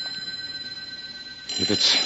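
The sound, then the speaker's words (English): A telephone on a desk rings with a steady, high-pitched electronic tone that holds through the whole moment, until a louder burst of sound breaks in near the end. “It sounds like a phone.”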